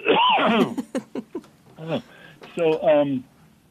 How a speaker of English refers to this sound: And I'm going to cough.